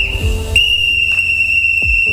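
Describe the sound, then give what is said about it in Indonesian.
A referee's final whistle at the end of a football match blows one long, unbroken blast that holds steady and loud for the whole moment, with a few dull low thuds and rumbles underneath. “Dan setelah peluit akhir berbunyi, yang tersisa bukan siapa menang, tapi siapa yang tetap bersama.”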